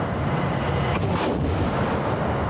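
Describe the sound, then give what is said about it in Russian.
Heavy artillery fire from Giatsint-K and Malva wheeled mobile artillery systems and Tornado-S and Uragan multiple rocket launchers rolls on continuously as a dense, low rumbling roar, with a sharper, brighter blast surging up around the middle before sinking back into the booming din. No voices. “подразделения ракетных войск и артиллерии применяют современные мобильные артиллерийские системы на колесной базе «Гиацинт-К» и «Мальва», а также реактивные системы залпового огня «Торнадо-С» и «Ураган».”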